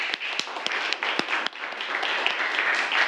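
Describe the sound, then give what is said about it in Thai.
A class of students applauding a classmate's answer during a lesson on levers, a dense, steady patter of many hands clapping at once for about three seconds, with a few sharper individual claps standing out from the crowd. “ปรบมือเลยนักเรียนใ”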